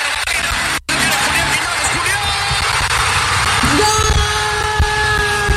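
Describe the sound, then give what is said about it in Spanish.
A loud, dense stadium crowd roars nonstop, a wall of cheering and yelling voices after a goal by Mexico, scored by Quiñones, with a sustained horn-like tone rising over the din near the end. “Ese fue el momento del gol.”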